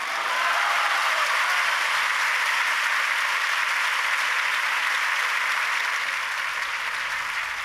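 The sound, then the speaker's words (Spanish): Sustained applause from a crowd in Ceuta after President Vivas's institutional speech for the Day of Ceuta, a dense steady wash of clapping that holds at an even, loud level for several seconds with no voices standing out. “Son las palabras del presidente Vivas en ese discurso institucional con motivo del Día de Ceuta, con Vítores a Ceuta, Vítores a España, y aplaudido constantemente”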